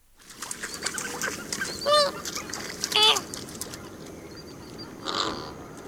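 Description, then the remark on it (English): Honking, goose-like flamingo calls from a Cornell Lab of Ornithology recording ring out over a steady background murmur of a flock, with a few louder calls near two, three and five seconds. “Thank you to the Cornell Lab of Ornithology for the flamingo bird call.”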